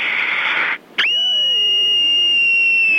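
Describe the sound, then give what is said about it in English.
A loud rush of breathy noise, a brief pause, then one piercing, very high-pitched scream that starts abruptly and holds steady for about two seconds. No speech. “years old, and here's my scream.”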